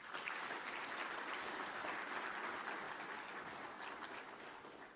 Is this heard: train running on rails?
no